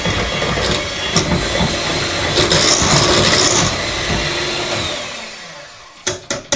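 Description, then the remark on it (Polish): A kitchen mixer mixing pancake batter for tortillas, its speed gradually increased, whirs loudly, its steady motor drone running for several seconds before easing off, followed by a few sharp knocks at the end. “Możemy stopniowo zwiększać obroty.”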